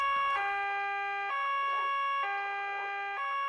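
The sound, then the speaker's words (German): A police car siren, switched on by a police officer as he drives away, blares with its two tones alternating in a steady, even rhythm about once a second, loud and unbroken with no voices over it. “Weshalb muss er bloß immer die Sirene einschalten, wenn er uns verlässt? Nadine, er ist Polizist.”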